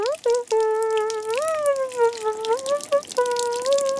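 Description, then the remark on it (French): Shower water runs steadily in a bathroom with scattered splashy drips, while a loud, sustained pitched tone wavers up and down above the spray for the whole few seconds. “Il prend une douche.”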